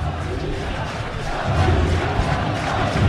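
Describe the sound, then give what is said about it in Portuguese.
A large stadium crowd at São Januário chants the name of player Saldívia in unison, a dense, roaring wall of voices that swells louder about halfway through and holds steady to the end. “Saldívia com nome gritado em São Januário.”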